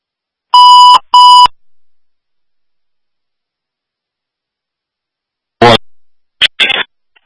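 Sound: alarm beeping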